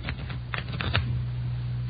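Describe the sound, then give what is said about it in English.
A freshly opened deck of playing cards is shuffled in a few quick, crisp riffling bursts, moderately loud, over a steady low hum with no one speaking. “Give them a good shuffle, huh?”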